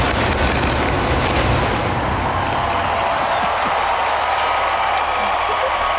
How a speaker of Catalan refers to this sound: Coronant totes les torres. Fent gairebé el mateix moviment de les torres en forma de coets i il·luminant a batzegades. Surten des de dins mateix, de la Sagrada Família. Sí. I aquest és el so... El joc pirotècnic. De la pirotècnica.